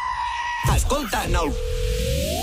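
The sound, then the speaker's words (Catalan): A single wavering goat bleat, about a second long and fairly loud, set against a steady electronic tone that hums before and after it. “Què fan les cabres?”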